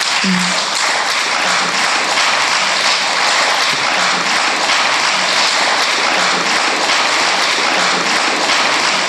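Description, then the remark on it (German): Sustained, dense applause from AfD members in the Saxony-Anhalt state parliament after Tobias Rausch is elected its president, a steady wash of many hands clapping at once without pause, loud and even throughout, with no clear individual claps standing out. “Seine Parteikollegen um den Ministerpräsidentenkandidaten Ulrich Siegmund applaudieren.”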